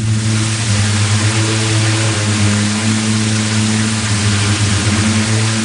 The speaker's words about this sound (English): Physicist Zimon Dagwaboy recorded this dune in Oman. The sound is made by countless grains of sand rubbing together and vibrating as they roll down the dunes. In this desert, the sand particles vary in size, so you hear all different notes.